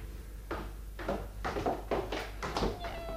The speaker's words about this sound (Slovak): Ach, mačiatka, a koľko? Chceš jedno? A môžem si ho nechať? Môžeš. Vyber si. Všetky sú krásne. Toto biele je zlaté. Ale aj toto žlté s bielými pruhmi je milučké.